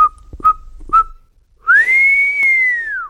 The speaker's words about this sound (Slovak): Na siedmy deň to už nevydržal a keď si bol istý, že je na porube v štôlni celkom sám, neisto, ale predsa len placho zapískal.